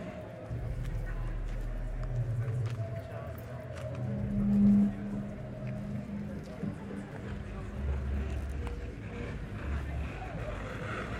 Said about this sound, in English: Out in the streets among traffic sounds